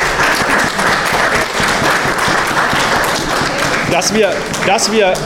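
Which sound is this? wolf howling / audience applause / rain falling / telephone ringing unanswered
audience applause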